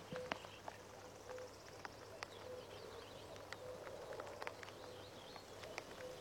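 common cuckoo calling

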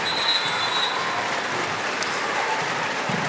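stadium crowd whistling

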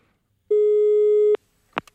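telephone line tone

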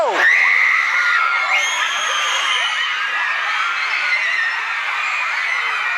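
screaming fans

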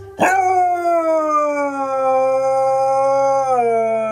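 dog howling

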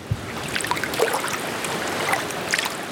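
river water flowing

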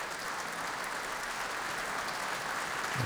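concert hall applause

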